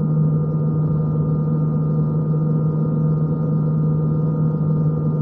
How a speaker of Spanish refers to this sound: Haz girar la cápsula C, Hal. Hal hace girar la cápsula dejando su puerta frente a los hombres.